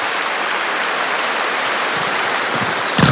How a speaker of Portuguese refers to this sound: Mais de 2.000 casais, 3.000 casais aqui presentes. Não sabemos o número exato ainda, mas vamos aplaudir essa grande graça de Deus.